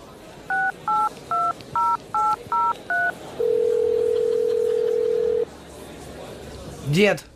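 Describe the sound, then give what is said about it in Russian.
Seven quick, evenly spaced two-tone keypad beeps dial a phone number to call a grandfather, followed by a long steady ringing tone, then a short burst of a voice at the end. “Придется рассекретиться и позвонить деду.”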